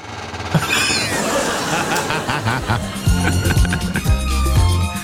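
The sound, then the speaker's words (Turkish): A swivel chair in a radio studio squeaks as the person sitting on it turns it left and right, giving a string of loud, creaky squeals that rise and fall in pitch, like a wiper dragging across glass. “Şu sandalyenin üzerine, oturan üzerine bir sağa sola döner misin?”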